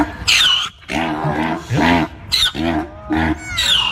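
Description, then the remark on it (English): A loud zebra mating call: a rapid series of about five harsh, honking, bray-like barks with raspy growling tones and squeaky high overtones, no talking over it. “Zebras.”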